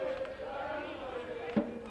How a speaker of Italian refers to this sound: E vediamo nuovamente l'energia della tifoseria ionica. Tanti tifosi, tanti bambini anche, iniziamo a vedere